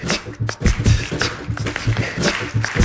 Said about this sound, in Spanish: Vamos a hacer esto, ya vi que les gusta aplaudir. Entonces vamos a aplaudir. Ese es nivel 1 de aplauso. Nivel 1. Vamos al nivel 2. Nivel 2 de aplauso, suena así.